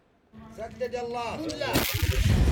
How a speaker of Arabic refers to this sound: على وقع دوي المدافع تتجدد المواجهة الضارية في جبهة جبل هان غرب مدينة تعز.